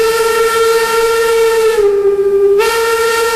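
A loud, sustained whistle blast holds one steady, piercing tone for several seconds, dipping slightly in pitch midway before returning. It sounds like a steam train whistle, with no talking.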